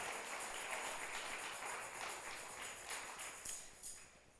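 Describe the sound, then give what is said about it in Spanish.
An audience claps together as applause for the Lord, dense and steady, many hands overlapping into a bright crackling wash that holds for several seconds before thinning slightly at the end. “Si gusta darle un aplauso al Señor, déselo en este momento.”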